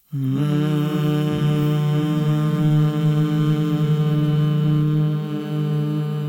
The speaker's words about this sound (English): Let's take a deep breath together and a hum.